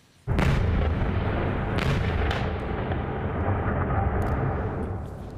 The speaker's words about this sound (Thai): เกิดเหตุระเบิดดังสนั่นทำให้กลุ่มควันพวยพุ่งทั่วบริเวณหลายจุดในกรุงเคียฟของยูเครนค่ะหลังจากรัสเซียส่งทั้งโดรนและขีปนาวุธเข้าไปโจมตีเมืองต่างๆรวมถึงกรุงเคียฟเมื่อช่วงเช้ามืดที่ผ่านมา